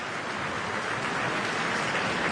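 Steady, dense applause from a large, enthusiastic opera audience at the Met as the principal singers, including Brian Jade, Angel Blue, John Relier and bass baritone Ben Brady, take their bows; a continuous wash of many hands clapping at an even, sustained loudness with no voices standing out.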